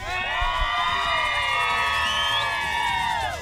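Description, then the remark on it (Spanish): A crowd makes a loud, sustained racket at night on request for a radio broadcast: many overlapping whistle-like tones swoop up and down at once, forming a dense, warbling din for a few seconds with no talking. “Para que la gente que nos esté escuchando y se dé cuenta, el director que está en la emisora, ¿ustedes me pueden regalar una bulla bien fuerte en esta noche?”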